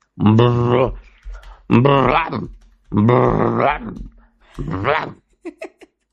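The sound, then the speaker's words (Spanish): A person growls like a dog in four long, rough, loud voiced bursts, followed by a few short clipped sounds at the end. “Pero como quiera, ese perro no se le sale del cuerpo. Bram, bram.”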